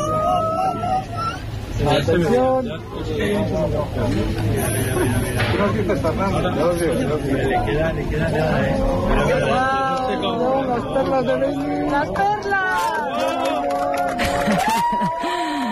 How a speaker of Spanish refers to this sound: Este era el momento, así hemos despedido la totalidad en el observatorio de Yebes entre aplausos, lágrimas y abrazos.